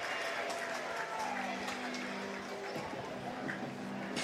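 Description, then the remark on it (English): A ballpark crowd of Scrapper fans applauds and cheers steadily, a dense, even wash of clapping and crowd noise that holds for several seconds, with a man's voice talking over it. “So get a round of applause here from the Scrapper fans.”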